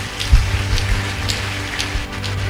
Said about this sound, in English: Clap for Jesus.